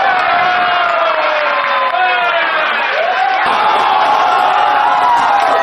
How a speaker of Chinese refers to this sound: 在球迷们的欢呼中，这场异常精彩的比赛结束了。现在呢是上午的8:45，我们看到球迷们也都不舍离开，因为这场比赛实在是太精彩了。